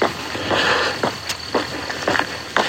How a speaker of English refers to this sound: Even the animals are quiet at this time of day. In fact, I've heard almost nothing except my footsteps until just now.